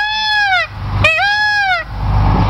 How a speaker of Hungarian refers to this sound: Mi hangja van egy pávának? Várj, most már megkeresem.